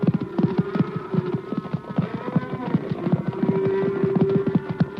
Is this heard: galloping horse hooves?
yes